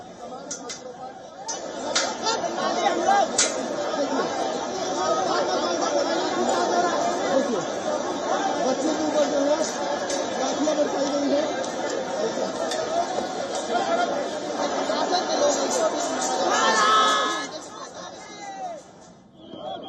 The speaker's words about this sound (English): The police was also seen using force on the protesting youngsters in a bid to disperse the mounting crowd as some demonstrators tried to break through layers of barricades.